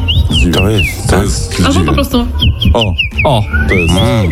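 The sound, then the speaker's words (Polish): A woman imitates a common rosefinch call: short whistled notes sliding up and down, repeated several times, clear, over a dense, busy background of voices and low croaking. “Oj, to jest dziwoń.”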